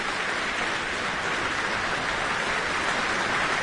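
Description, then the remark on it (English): A large audience applauds in the Michael Fowler Centre concert hall after a performance of Richard Strauss's Four Last Songs, with Madeleine Pierard accepting the applause. It is a dense, steady wash of clapping that holds at an even level for the whole stretch, with no voices heard. “Madeleine, hands to chest, accepting the applause from the audience here in the Michael Fowler Centre.”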